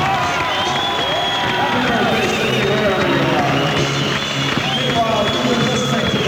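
A large concert audience cheers and applauds steadily for the band's driver on his birthday, a dense wash of clapping mixed with whoops and shouting voices, loud and sustained throughout without a break.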